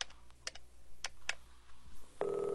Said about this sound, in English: It's ringing now, sir. Thank you very much.